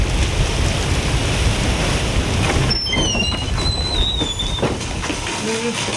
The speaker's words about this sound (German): Oh, es regnet.